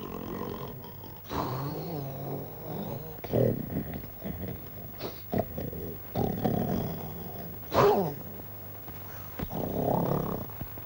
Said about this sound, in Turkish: Nedir bu horultu?